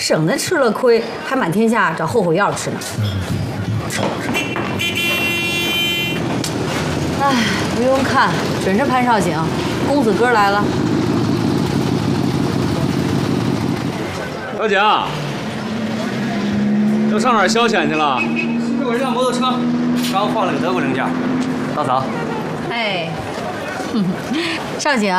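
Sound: motorcycle engine arriving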